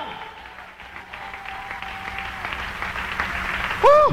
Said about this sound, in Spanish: Dale un aplauso de alabanza a ese Dios todopoderoso. ¡Aleluya!